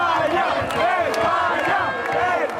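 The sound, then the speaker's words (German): A dense crowd of Spain football fans in a red-and-yellow fan zone cheers and roars continuously at the final whistle as Spain reaches the semi-final, many voices shouting and yelling together in loud, sustained jubilation with rising and falling swells. “Und mit dem Schlusspfiff verwandelt sich die Fanzone in ein rot-gelbes Jubelmeer.”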